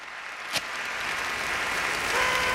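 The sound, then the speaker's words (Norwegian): A crowd applauds steadily for a couple of seconds, a dense wash of clapping at even volume, opening with one sharper clap. No one speaks. The applause is for everyone who guessed the right song in the contest Nynn eller Forsvinn. “Og så fortjener jo alle som hadde klart å gjette riktig låt og en applaus.”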